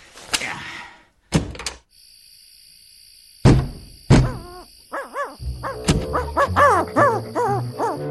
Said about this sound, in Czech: To je sova. Poběž, vyvede nás ven.